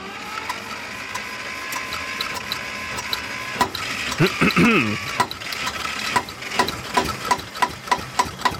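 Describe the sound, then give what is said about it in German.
The old engine of a vintage tractor at an old-timer tractor meeting in Goblach coughs and sputters to life over a steady mechanical hum, then settles into a slow, uneven chugging rhythm of loud, distinct pulses. “das ist weniger Motor starten als zum Leben erwecken, ha?”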